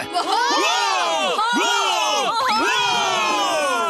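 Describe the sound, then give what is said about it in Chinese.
A crowd lets out three loud cheers in a row for SpongeBob, many voices yelling together in rising-and-falling shouts, each burst flowing straight into the next. “为海绵宝哥欢呼三声！”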